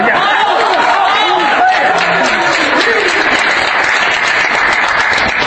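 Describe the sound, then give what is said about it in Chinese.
Loud, steady applause from a live audience fills the whole stretch, a dense wash of many hands clapping at once with a murmur of crowd voices mixed underneath. “怎么就他们拍，他们不拍？”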